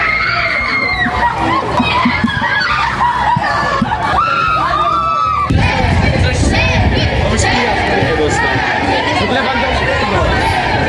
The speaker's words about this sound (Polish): Na biało-czerwonych czekał tłum kibiców, a największe emocje wzbudził oczywiście nasz kapitan Robert Lewandowski.